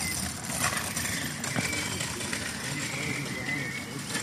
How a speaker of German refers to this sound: Scheiß Roller. Bin gespannt, wie viel man von den Atmosphärengeräuschen hier. Frage ich mich ja auch, ey. Das ist ein Scheißroller, ey. Oder, nee, Scooter, hat man Scooter gesagt früher?